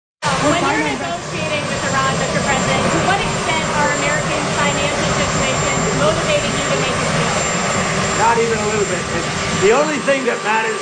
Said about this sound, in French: Bon, alors, je reprends la parole ici parce qu'on entend beaucoup l'hélicoptère derrière lui